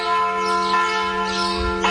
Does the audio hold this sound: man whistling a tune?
no